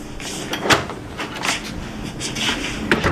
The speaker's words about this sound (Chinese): 刚关上门